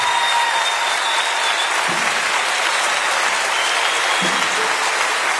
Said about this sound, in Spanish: otro aplauso para estos tres.